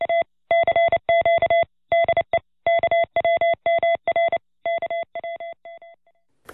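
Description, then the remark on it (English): A steady electronic tone keyed on and off in a quick pattern of short and longer beeps, Morse code sent out at the RCA station in Point Reyes Station, sounding clear with no voices, trailing off fainter at the end. “Howdy, I'm … from Point Reyes Station, your transmitter wrangler, and I listen to KWMR whenever I'm not busy sending lusty salvos of Morse code out at the RCA station.”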